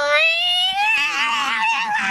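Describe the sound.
A person imitates a loud, drawn-out cat meow: a single high, wailing note that rises and sags over about two seconds, forceful, with another voice murmuring faintly underneath.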